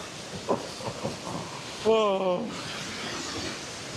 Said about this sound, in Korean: 제가 여행하면서 수많은 폭포를 봤는데 이 정도 규모의 폭포 중에서 이렇게 가까이 다가온 적은 없습니다. 그냥 제가 폭포 옆에 있는 거잖아요. 바로 옆에. 그리고 떨어지는 것도 바로 보고 있고요.